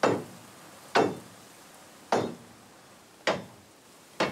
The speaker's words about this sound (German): Denn die Schienen sind genagelt, nicht geschraubt. Die Nägel sind lose. Ich schlage sie wieder ein. Wenn die Nägel locker sind, bewegt sich die Schiene. Die Nägel sollen sie festhalten auf der Schwelle.